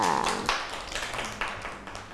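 A short burst of hand clapping for a young child, with a handful of uneven claps spread over two seconds at moderate loudness and no talking over them.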